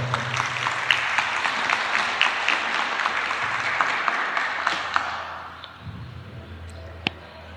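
An audience applauds the mayor of the district of Ite, Urbelinda Chacón Díaz, as she is invited to speak, with steady, dense clapping for about five seconds, then the applause thins out and fades to quiet with a few scattered claps.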